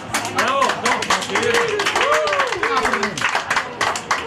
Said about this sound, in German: Ich weiss gar nicht, ob wir da irgendeinen Applaus oder so etwas haben.